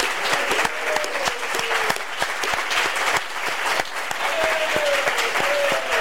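Sustained audience applause with dense, steady clapping throughout, fairly loud and even, with a few faint higher tones sliding through the crowd noise, applause given as a tribute to the speaker.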